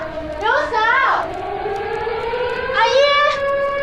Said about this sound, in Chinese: 爹，又怪警报了，我们赶紧去防空壕吧。